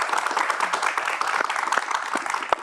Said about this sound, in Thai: ขอเสียงปรบมือให้กับทั้ง3ท่านด้วยนะครับ ขอบคุณครับ ขอบคุณครับ